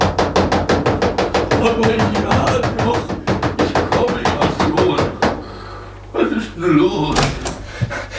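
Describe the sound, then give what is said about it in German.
Frantic, excited pounding on the door of a small castle between two peaks, dozens of fast heavy blows in an uneven burst lasting about five seconds, then the banging stops and a voice begins speaking. “rannte er sofort zum Schlösschen zwischen den beiden Gipfeln hinauf und polterte aufgeregt gegen die Tür.”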